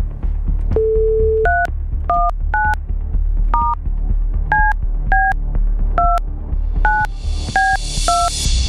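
On a Rádio Blaník broadcast, a steady dial tone gives way to a quick run of about ten touch-tone key beeps as a phone call is placed, each a short two-pitched chirp, over a low constant hum, ending in a wash of hiss.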